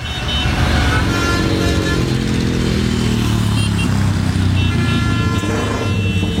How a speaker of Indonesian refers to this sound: Suara motor kamu loh, berisik banget sih! Lagian kalau diundang-undang knalpot brong gini dilarang tahu, ganggu ketertiban umum. Lagian juga nggak menuhin standar laik jalan. Emang telinga kamu nggak sakit apa?